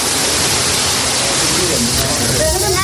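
Steady, loud roar of ocean waves breaking on a beach on the coast of Senegal, a continuous wash of surf with no clear pauses, and a faint voice briefly audible toward the end.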